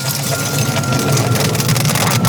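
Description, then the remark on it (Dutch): Dense, steady crackling and sizzling from a mix of dried herbs, including thyme and rosemary, on glowing charcoal, with many tiny pops running continuously over a low, constant hum and no talking. “En dan hoor je het zo knetteren.”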